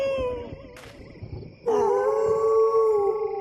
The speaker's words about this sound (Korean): 어? 내가 노래만 하면 울부짖네. 혹시 쟤들 내가 자기들 대장인 줄 아나?